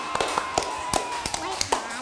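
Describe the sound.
Scattered hand claps ring out in an uneven burst, roughly a dozen sharp claps over two seconds, with a steady background hum and faint voices beneath; applause a teacher asks for during a lesson.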